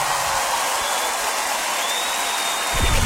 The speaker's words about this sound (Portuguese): uma bela salva de palmas para vocês.